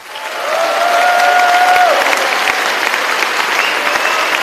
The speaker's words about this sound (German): Tobender Applaus, frenetischer Jubel, geschmeichelt wird sie die Geltungssucht des Roger Köppel.